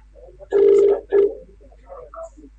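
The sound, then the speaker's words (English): A phone ringback tone on an outgoing call: one steady buzzing ring, then a shorter second burst that cuts off, followed by faint murmuring in the background. “All right, so we're calling him.”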